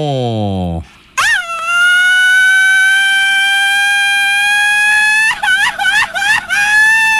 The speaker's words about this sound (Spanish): A ver, échate un grito.